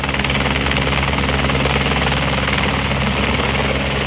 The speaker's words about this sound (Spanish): en un sitio muy complicado, tanto que algunas de ellas tuvieron que ser rescatadas en helicóptero. Y esa es la imagen que se ha convertido en noticia. El rescate de esas vacas vía aérea, vacas literalmente volando por el cielo gallego.